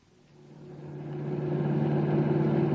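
A car engine hums steadily with strong low harmonics, growing louder as the car speeds along the road at 90 with the pedal only halfway down, a continuous drone with no voices.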